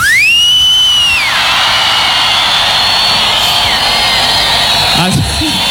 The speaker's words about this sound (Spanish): ¿Cómo estamos para los chiflidos hoy en día? A ver.